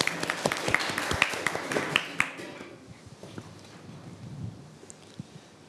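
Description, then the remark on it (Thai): A short round of applause from a classroom full of students for the second group of students as it comes up to present, dense clapping for about two seconds, then thinning to a few scattered claps and quiet background murmur. “อ้าวตอนนี้กลุ่มที่2พร้อมหรือยังขอเสียงปรบมือให้กลุ่มที่2ด้วยครับ”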